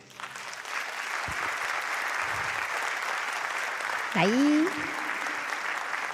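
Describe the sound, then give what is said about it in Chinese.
Steady audience applause fills the whole stretch, a dense even clatter of many hands, with a man's voice briefly cutting in with a rising, drawn-out word near the end. “谢谢，感谢大家掌声，谢谢。”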